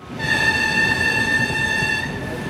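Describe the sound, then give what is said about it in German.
An older-model passenger train, running on a special trip from Nördlingen to Wassertrüdingen and Wilburgstetten on 3 May, rumbles steadily, its low running noise topped by a sustained high-pitched whine or squeal that holds for about two seconds before fading. “So klingt der Zug, der am 3. Mai von Nördlingen nach Wassertrüdingen und Wilburgstetten gefahren ist.”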